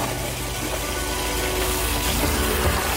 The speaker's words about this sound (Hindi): Video में एक पेड़ के बगल में लगा नल खुला है और उससे पानी बह रहा है।